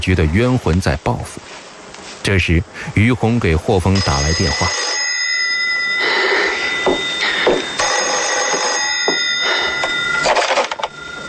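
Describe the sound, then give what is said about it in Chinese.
A voice speaks briefly, then an electronic telephone rings for an incoming call in steady, high-pitched bursts, two or three long trills with short gaps between them, clear. “这时，于红给霍峰打来电话。”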